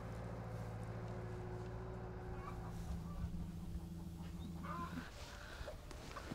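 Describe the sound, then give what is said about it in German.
About 200 hens in a mobile coop, being moved to a new plot, cluck and chatter continuously over a steady low engine hum, which cuts out about five seconds in, leaving the birds' busy calls. “Jetzt kommen ihre 200 Hühner im Mobilstall auf eine neue Fläche.”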